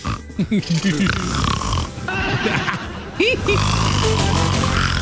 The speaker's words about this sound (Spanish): Pero que le ponen las pruebas de los videos, güey. No. Le pusieron ahí. Y salió Donald Trump ahí. Roncando.